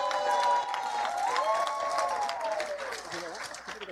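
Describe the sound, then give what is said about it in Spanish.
An audience in Zacatecas, Mexico, claps in a dense, steady burst of applause for José Ignacio Sánchez González, director general of the state workers' social security institute, that holds for several seconds, with a sustained tonal voice or note riding above the clapping before it begins to thin out. “¡Fuerte el aplauso!”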